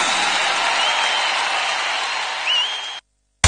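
Sustained applause from a crowd, a dense steady wash of clapping lasting about three seconds before cutting off abruptly into silence, with a brief burst of sound at the very end.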